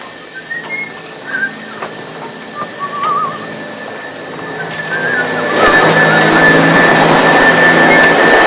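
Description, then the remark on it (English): A vacuum cleaner runs continuously as the living room is vacuumed, with a steady high-pitched whine over its rushing drone, and the motor noise swells louder and fuller about halfway through. “Disgruntled, he watches Felix vacuum the living room.”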